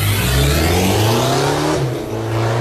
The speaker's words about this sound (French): Et la voiture est à 3500 tours, elle attend qu'un truc, c'est ça.